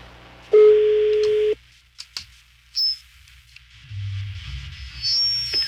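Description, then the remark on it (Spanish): A telephone rings on an outgoing call placed on air on line one at a radio station: one loud, steady ring tone lasting about a second, followed by clicks and a quiet, hissy open line with no talking. “La uno al aire. Vamos a ver si este vato nos contesta.”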